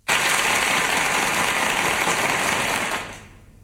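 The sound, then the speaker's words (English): A steady burst of crowd applause, dense and crackling, holding at an even loudness for about three seconds before tapering off quickly. No one speaks. “I would have gone with more applause than that.”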